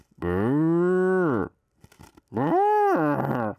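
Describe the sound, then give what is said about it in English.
A man's voice imitates a cow, giving two long, loud, drawn-out moos with a short pause between them. “Since Aniga says moo, I'm going to do a real good moo here. Check it out, guys. This is my cow sound.”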